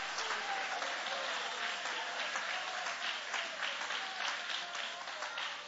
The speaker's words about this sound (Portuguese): Pode aplaudir, pode adorar.